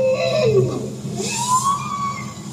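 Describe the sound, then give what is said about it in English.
A bowhead whale's low, moaning call sweeps downward, then a second tone rises and holds, recorded underwater in the Arctic with a hydrophone deployed from a research vessel, heard alone over a steady low rumble. “That's a bowhead whale.”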